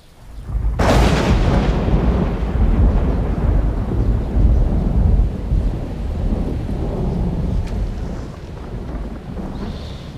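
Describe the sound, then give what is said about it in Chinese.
A loud, sudden crack of thunder rolls into a long, deep rumble that lingers for several seconds, with a steady hiss like approaching rain underneath. No one speaks. “没事，天要下雨。”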